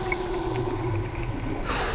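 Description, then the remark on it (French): A steady underwater hum and murmur as a dolphin dives down toward the bottom, then near the end a bright, high-pitched dolphin whistle and chirping burst in sharply, fairly loud. “Le dauphin vient de plonger et descend vers le fond.”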